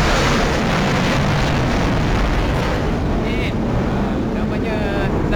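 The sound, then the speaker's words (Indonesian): A Sukhoi fighter jet of the Malaysian Armed Forces (ATM) passes through the airspace overhead, its engine roaring in a loud, continuous rumble, heavy in the low end with a rough hissing edge, holding steady for several seconds without fading. “Baru saja berlalu kita punya pejuang, pesawat pejuang ATM kita Sukhoi yang telah melintasi di ruang udara kita atas tadi.”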